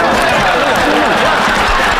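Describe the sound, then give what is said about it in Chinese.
A dense, steady wash of applause from a lively crowd, loud, with excited voices and cheering mixed throughout the two seconds. “起来，意思是鼓掌。”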